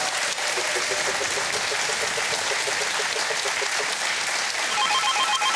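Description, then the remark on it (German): A telephone rings in a rapid, repeating trill as a caller phones in to a prize draw, partly buried under a steady wash of loud applause-like noise; a brighter electronic tone joins near the end. “Dann klingelt's.”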